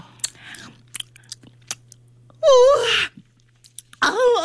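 Crisp crunching of a crunchy, very sweet, honey-flavored snack of small white round pearl-like pieces in a few scattered bites, followed by a loud, drawn-out moan of delight and another wavering vocal sound at the end.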